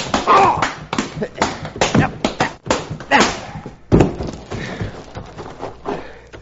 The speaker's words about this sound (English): I bruised my knuckles on this polecat's chin.